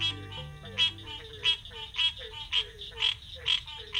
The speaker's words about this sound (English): It's morning in the Okefenokee National Wildlife Refuge, land set aside to protect the fabled Okefenokee Swamp of Georgia and Florida. With so much water, it's not surprising that frog calls surround us.